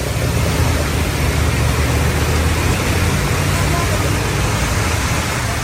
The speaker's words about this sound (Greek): να πάρουμε μία μικρή γεύση το τι γινόταν μέχρι και πριν από λίγο εδώ στην όμορφη πόλη μας την Θεσσαλονίκη. Βροχή πάρα πολύ, δρόμοι πλημμυρισμένοι, αυτοκίνητα περνάν και δεν βλέπουν τους πεζούς και δεν κόβουν ταχύτητα.